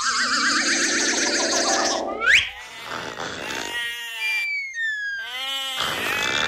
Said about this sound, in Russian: В каком месте сказки мы оказались? Поле, стадо овец, спящий пастух.